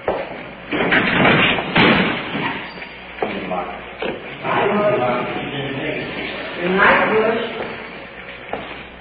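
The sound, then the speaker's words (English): A heavy jail cell door slams shut with a sharp, loud bang as a prisoner is placed in the cell, amid a steady stream of people talking, followed by further clanking and shuffling. “Prisoner's placed in the cell. Secure.”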